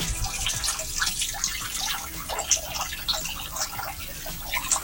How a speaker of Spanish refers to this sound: durante la madrugada hubo precipitaciones, pero voy a acercar el micrófono para que se logre dimensionar en este caso la cantidad de agua que cae hacia el alcantarillado o recolector de aguas lluvias.